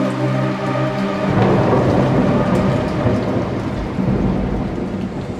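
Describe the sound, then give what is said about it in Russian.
Heavy, pouring rain roars steadily throughout, with a deep rumble of thunder underneath; no one speaks, and the dense downpour stays loud for the whole stretch. “ты молчишь под проливным дождем.”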